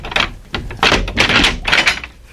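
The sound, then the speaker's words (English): A heavy, strongly bolted, guarded door on the way to a prisoner's cell creaks and grinds open, loud rasping scrapes coming in several uneven bursts with no voices over them. “Even if all the guards were asleep, the sound of the door opening would awaken them.”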